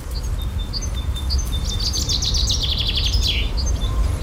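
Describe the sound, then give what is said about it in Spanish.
A Eurasian blackcap, an insectivore typical of the Alhambra woods, sings at dawn, starting with a few thin, evenly spaced notes and then breaking into a fast, fluty warble, set against a steady low rumble of outdoor background noise. “Toma el relevo la curruca capirotada, otra insectívora típica del bosque de la Alhambra.”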